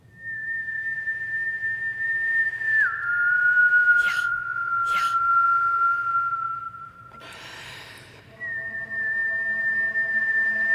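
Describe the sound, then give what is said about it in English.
Someone whistles in long, steady held notes, shifting pitch a couple of times, with brief breathy gasps between phrases and a brighter, fuller note near the end. “And I started whistling.”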